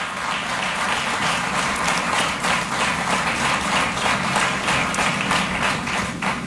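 Sustained applause from an audience for the 127 newly elected MNAs in Quebec, a dense, steady wash of many hands clapping at an even loudness for several seconds, with no voices standing out.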